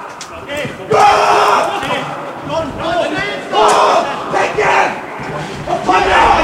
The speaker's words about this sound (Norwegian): Nå er det … som er ute og roper også. Nå fikk han nok. Ja. Ja, det er bra, …, som nå er inne som assistenttrener for KBK.